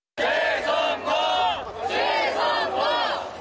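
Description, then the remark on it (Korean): A large protest crowd demanding a re-election chants 're-election' in unison around audience members waiting to enter a K-pop festival at Olympic Park. The same loud, rhythmic phrase repeats in a steady cycle of about four or five shouted bursts, with no pause between them. “페스티벌 입장을 기다리는 관객들 주위로 재선거라는 외침이 반복해서 울려 퍼집니다.”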